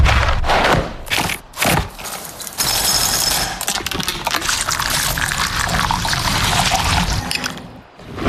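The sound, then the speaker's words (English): Kellogg's cereal and ice-cold milk are poured into a bowl: a short rattling rush at first, then a steady liquid stream splashing and trickling for several seconds, with no talking. “The one-of-a-kind joy of Kellogg's cereal and ice-cold milk.”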